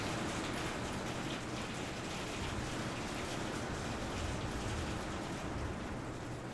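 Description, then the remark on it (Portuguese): Steady heavy rain patters continuously, a dense, even hiss of countless drops striking a surface, with no pauses or voices for the whole stretch; rain falling in late March, heard from a recording studio in a village in Galicia. “e a chuva continúa a percutir como se for a resposta a ese dulcimer”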